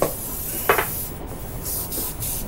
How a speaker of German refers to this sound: Es ist 10 Uhr morgens, als der Sprühnebel des Haarsprays sich auf die Hochzeitsfrisur der Braut legt.